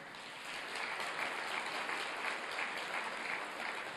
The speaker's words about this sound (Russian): Я сегодня хотел бы, чтобы вы адресовали свои очень пламенные аплодисменты этим людям, пожалуйста.